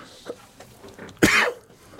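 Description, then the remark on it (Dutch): A single sharp cough bursts out around the middle of the short clip, preceded by faint breathy throat sounds, with no talking. “Ja, ik ga ervan hoesten.”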